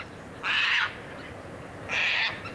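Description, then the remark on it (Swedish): Two short, harsh screeches from a Caspian tern in Ostrobothnia (Österbotten), Finland, at about quarter past four, loud and raspy, separated by about a second of quiet. No voices are heard. “Två korta, skrapiga skrän bara.”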